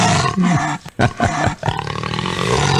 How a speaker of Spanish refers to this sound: Hasta su rugido me manda mi buen amigo Guani. El jaguar rugiendo.